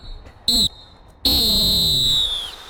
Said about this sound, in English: And I think it's time to blow the halftime whistle.